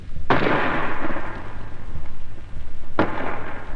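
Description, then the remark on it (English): Two heavy booms about two and a half seconds apart: a 5.5 gun firing at point-blank range, about 250 yards, at the wall of Fort Dufferin during the 19th Indian Division's assault, then the shell bursting on the wall, each followed by a long rumbling roar with no voices. “The first bang you heard was the gun firing. Then the second was the shell bursting on the wall.”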